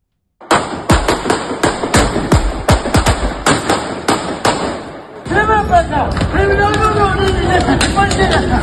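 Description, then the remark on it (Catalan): A rapid volley of sharp gunshots cracks out in an open street as suspects with a shotgun and police officers exchange fire, about a dozen quick bangs, then stops as a crowd's agitated shouting and voices swell in their place. “El so dels trets, en ple carrer, veritablement assusta.”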